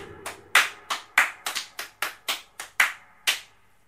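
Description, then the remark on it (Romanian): About a dozen sharp, crisp hand claps in a fairly steady but slightly uneven rhythm, like a small applause, loud and alone with no voices, fading out at the end, welcoming President Nicușor Dan as the last special guest. “și ultimul nostru invitat special, mâinile sus pentru președintele Nicușor Dan. Aplauze!”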